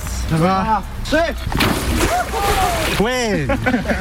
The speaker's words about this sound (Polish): Tym razem nie lecieli do ognia, ale prosto do zimnej wody i to w pełnym umundurowaniu. Taką kąpiel zaliczyli świeżo awansowani i odznaczeni strażacy z Bełchatowa. To z okazji Dnia Strażaka.